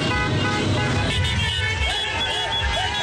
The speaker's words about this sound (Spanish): Desde Machala, la provincia de El Oro, las calles se llenaron de caravanas, bocinas y banderas que no dejaban de ondear.